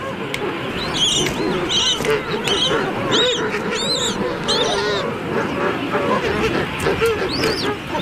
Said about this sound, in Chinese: 青鸟听到了雏鸟的叫声，迅速赶来保护它。